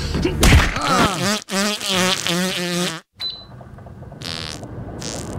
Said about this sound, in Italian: stomaco mi innesca un'altra bella scorreggiona. Sai quanto fresco possiamo farci.